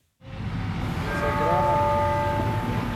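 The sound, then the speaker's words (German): Busy outdoor city ambience in the square in front of the Sagrada Familia in Barcelona, at the metro exit by the Nativity facade where a small crowd has gathered, fades in to a steady, dense rumble of traffic and crowd noise, with a sustained high ringing tone rising above it partway through. “Am U-Bahn-Ausgang bei der Geburtsfassade hat sich eine kleine Traube Menschen angesammelt.”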